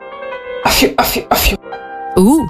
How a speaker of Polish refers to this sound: Tutaj tak jednocześnie elegancko, ale też odstraszając demony. To jest taki royal kaszel. Royal kaszel. To jest totalnie royal kaszel.